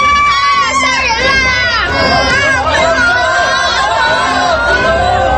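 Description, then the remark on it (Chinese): A crowd screams and shouts in panic after sudden gunfire, retreating into a restaurant, many high, wavering voices overlapping in a loud, continuous din with frantic cries rising and falling throughout. “一群人惊叫着慌乱着，扶老携幼纷纷地往饭店里退避。”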